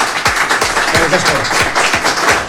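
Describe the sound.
An audience applauds a violinist loudly and steadily, a dense crackle of many hands with a rhythmic thumping pulse beneath, and voices faintly mixed in.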